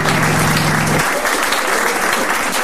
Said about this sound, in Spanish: Mira, Olivia se merece una gran ovación.